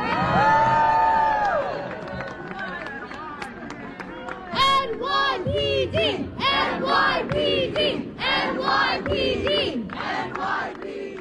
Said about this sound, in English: NYPD! That's as loud as it got. The people thanking the New York Police Department and applauding the NYPD officers that were present for the peaceful protest